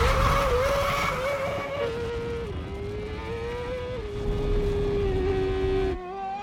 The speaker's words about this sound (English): Before the head-to-head race, each vehicle will set a lap time to ensure the track is fair. The F1 car will rocket past 180 miles per hour and go the furthest distance. What time will it set as the benchmark?